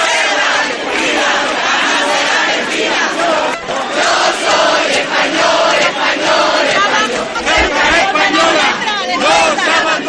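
A huge crowd of about 10,000 people in Ceuta, Spain, shouts and chants together in the streets at the Plaza de la Constitución, carrying Ceuta and Spanish flags and wearing sports shirts; a loud, continuous roar of many voices with rising and falling cries throughout.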